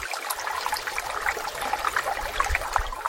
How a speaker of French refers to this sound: L'océan qui gronde, extrait …